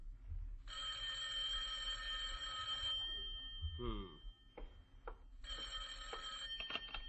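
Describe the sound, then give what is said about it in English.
A telephone bell at Jack Benny's house in Beverly Hills rings loudly in two long bursts separated by a pause of about two seconds, with a brief muffled noise in between and a low hum underneath. “Rochester, the phone.”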